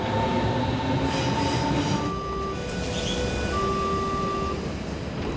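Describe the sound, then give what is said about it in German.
An S-Bahn commuter train rumbles loudly and steadily, its heavy low roar overlaid with thin, sustained metallic whines and squeals that shift in pitch as it rolls along. “Die S-Bahn hat ja an sich noch ein bisschen Glück, dass sie nicht die U-Bahn ist, weil da sind ja die allerschlimmsten Stationen.”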